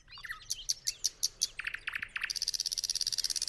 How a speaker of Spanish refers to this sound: de los pájaros más melodiosos de Europa Oriental, el ruiseñor ruso, nombre científico Luscinia luscinia. Es algo más pequeño y rechoncho que el ruiseñor europeo, que el nuestro, aquí en España. Y su canto también es diferente, lo estáis comprobando.